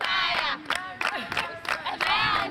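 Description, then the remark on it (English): A crowd of school pupils sings and cheers together in light rain ahead of the end of school in Gusau, northwest Nigeria, loud and continuous, with bright sustained chanted tones rising in rhythmic surges and bursts of shouting. “One of the pupils singing and dancing here ahead of the end of school”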